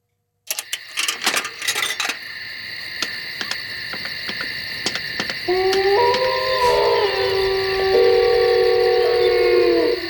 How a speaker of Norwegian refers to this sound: Blanding av varulv, eller ulvehyl og telefonoppringning der.